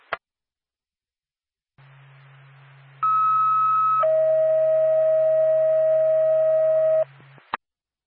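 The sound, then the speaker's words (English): Ambulance dispatch paging tones sent by Norfolk dispatch to alert Whitefield Ambulance over a radio channel: a steady high tone for about a second, then a lower sustained tone for three seconds, over a low carrier hum, bracketed by clicks. “Norfolk to Whitefield Ambulance. Stand by for tone.”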